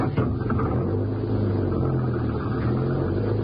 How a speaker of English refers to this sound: Yeah, and there's the car. Start her up and go down the road away. Then we can turn around and come back.